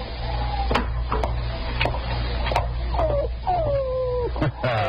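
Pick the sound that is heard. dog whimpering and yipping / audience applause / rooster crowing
dog whimpering and yipping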